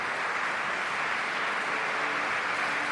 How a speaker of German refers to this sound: Wir hören jetzt im Saal gerade den Applaus für Ursula Haselböck, die Intendantin der Festspiele Mecklenburg-Vorpommern, die das Publikum in der Neubrandenburger Konzertkirche begrüßt hat.